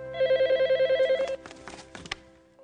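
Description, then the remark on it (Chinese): A telephone rings with a fast, warbling electronic trill for about a second, loud, then cuts off into the clatter of the handset being picked up. “每时每刻，我都期待着他从海上打来电话，只要能听到他的声音，我就心安了。”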